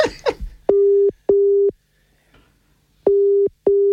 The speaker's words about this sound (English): It's going to ring her and put her on loudspeaker. I'm going to ring her. Here we go.